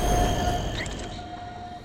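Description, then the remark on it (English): A high-speed train rushes past with a heavy, steady roar and a thin mechanical whine, briefly sharpening mid-way before the rumble dulls as it speeds into a tunnel. “The illusion fades, and a high-speed train slams into Peter.”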